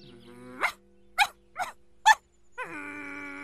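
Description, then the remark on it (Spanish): A dog gives four sharp, quick barks in an uneven rhythm, with a long high whimper running before and after them, fairly loud with no talking. “¡Oh, ese perro!”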